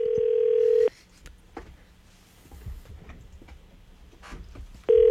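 A phone call rings out: a steady, mid-pitched ringback tone sounds for about a second, followed by several seconds of low hiss and faint clicks, then the tone returns.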